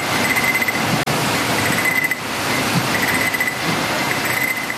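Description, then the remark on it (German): Steady mechanical whirring and clatter of a machine that jam jars are passed through to check each jar for defects, with a persistent high squealing tone and a brief sharp click about a second in; continuous and fairly loud, no talking. “Zum Schluss werden die Gläser durch eine Maschine geschleust und die kontrolliert jedes einzelne Marmeladenglas auf Fehler.”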